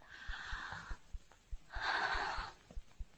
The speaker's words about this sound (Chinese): 深呼吸，陛下。